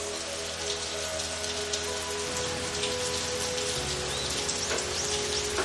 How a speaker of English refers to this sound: I do like the rain. Feels really calming, like kind of white noise.